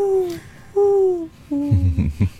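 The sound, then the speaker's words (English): An owl hoots three times in a slow, steady rhythm, each call a smooth, slightly falling tone, played back through a speaker; low rumbling noise creeps in during the last call. “Do you have any idea what owls sound like? Let me see. I could probably pull it up here.”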